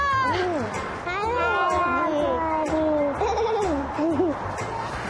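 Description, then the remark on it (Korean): A baby cries and babbles, a steady run of whiny, wavering vocal sounds that rise and fall in pitch, with brief pauses between outbursts. “아기 귀엽다? 들어보세요, 봐.”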